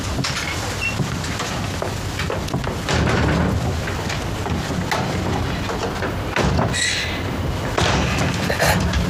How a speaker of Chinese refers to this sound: 别动嘴了，出来放鞭炮。